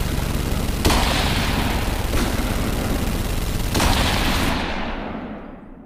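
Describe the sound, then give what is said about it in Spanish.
A loud, sharp gunshot rings out across a bay, then two seconds later a dense, relentless burst of rapid gunfire roars on for several seconds with a few harder cracks standing out, before trailing off at the end. “Sin tiempo para reaccionar, un disparo surca la bahía. 2 segundos más tarde suena una ráfaga de disparos interminable.”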